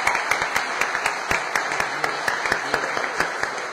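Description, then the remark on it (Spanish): A crowd at a religious festival in Cabildo applauds the Virgen del Carmen steadily, many hands clapping in a dense, continuous patter with sharper individual claps standing out, moderately loud, with no speech over it. “Y así que ahí a ella, la que es el centro, la que nos lleva a Jesús, yo creo que también merece un fuerte aplauso a la Virgen del Carmen.”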